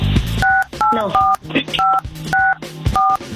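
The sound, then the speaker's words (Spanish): A quick series of about six phone keypad tones, each a short steady dual-pitched beep, dialed in an even rhythm with brief gaps, fairly loud, with faint background murmur between presses, as a woman's husband is dialed. “Bueno, quédate en el teléfono y vamos a marcarle a tu marido.”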